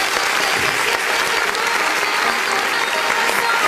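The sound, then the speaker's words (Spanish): A crowd claps steadily and loudly for a few seconds, a dense, continuous patter of many hands with no pauses and no talking over it. “¡Fuerte el aplauso a las cinco chinas!”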